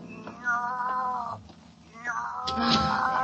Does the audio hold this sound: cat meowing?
yes